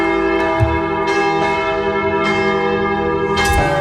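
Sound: cathedral church bells ringing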